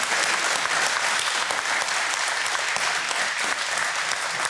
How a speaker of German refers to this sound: Da sagen wir doch mal Applaus für die Mutti. Für alle Muttis eigentlich.